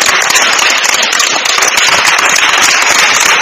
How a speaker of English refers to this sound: I can hear your clap. Yes. That's good.